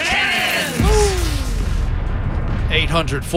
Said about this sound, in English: Fire the cannons!